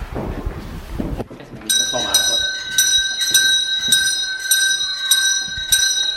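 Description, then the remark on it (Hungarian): A school bell starts ringing in for class as children come in, after a short low rumble, a loud, shrill, steady electric ring with a rattling pulse, continuing unbroken to the end. “Megtörténik a becsengetés.”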